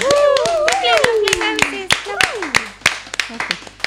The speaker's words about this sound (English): Yeah, big up to the rose. Can we have a big applause or some kind of appreciation in the room for the rose?